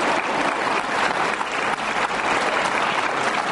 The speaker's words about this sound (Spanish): ahí dice Jesus Army, wow, that's amazing. ¿Sí ve cómo se aplauden entre ellos, no?